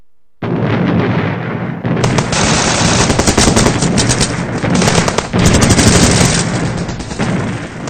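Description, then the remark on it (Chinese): Continuous loud gunfire of a battle in the freezing winter of 1948: rapid machine-gun bursts rattle over a heavy rumbling barrage of artillery booms and explosions, dense and sustained throughout with no speech. “李长河微弱的声音，带着穿越时空的魔力，将李默的意识狠狠拽入了1948年那个滴水成冰、炮火连天的寒冬。”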